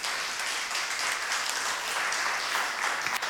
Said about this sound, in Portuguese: Bate palmas, gente.